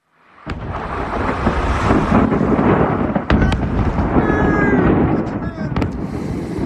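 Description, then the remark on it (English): A massive explosion at a fireworks factory in northern Malta erupts into a sustained, roaring rumble, punctuated by several sharp bangs and crackles, with high whistling shrieks rising through the din. It sounds loud. “Before we go, a huge explosion at a fireworks factory, of all places.”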